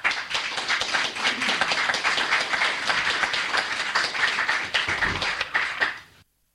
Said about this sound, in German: Ja, Applaus für Micha Brumlik hier im Freien Radio Kassel in der Sendung Themenwechsel.